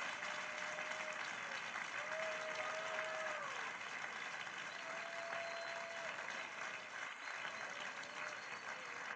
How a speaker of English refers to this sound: Now give him 7 rounds of applause.